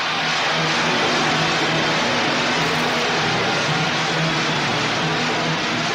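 A dense, unbroken roar of shrieking fans fills the whole clip, nearly drowning out a live band whose low, steady musical tones are only faintly audible underneath.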